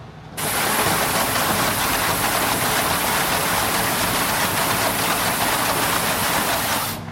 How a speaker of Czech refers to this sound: Můžeme, samozřejmě, takže já si tady spustím vidle, takzvané, tomu říkáme. Nasadím na ně popelnici, poté zmáčknu páčku, která vyjede nahoru, popelnici vysype a po vysypání popelnice zajedou dovnitř do popelnice trysky a vyčistí.